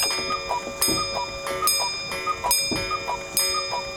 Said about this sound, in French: Je me réveillais comme la pendule sonnait 6 heures. On fait sonner la pendule ? Allez, on se fait plaisir.